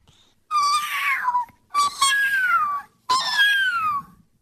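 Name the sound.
kitten meowing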